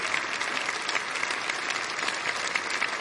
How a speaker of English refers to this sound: You know how hard it is to sound that good at 10 o'clock. Let's give him another clap.